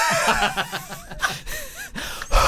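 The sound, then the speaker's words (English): Close, airy breathing right at the microphone, a string of quick breaths and snuffly, snort-like exhales with a louder gust at the end, and no talking. “You can really hear our breath.”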